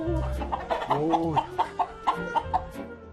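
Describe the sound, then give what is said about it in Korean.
Native Korean chickens clucking in a steady series of short, bright calls, about a dozen over three seconds, with rising and falling tones and a low background murmur underneath. “닭이네, 토종닭.”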